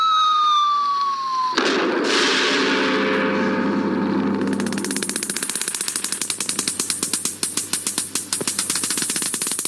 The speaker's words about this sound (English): Another nuclear test explosion. The 169th since Hiroshima.